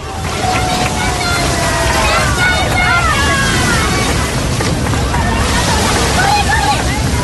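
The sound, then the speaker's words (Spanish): A dense crowd of thousands murmurs and calls out over a steady, loud wash of breaking surf at the traditional maritime procession of the Virgen del Carmen along the beach at La Caleta, Salobreña, with scattered raised voices rising above the continuous roar of water. “Sonido que escuchamos de fondo de lo vivido anoche en esa procesión marítima en La Caleta, en Salobreña.”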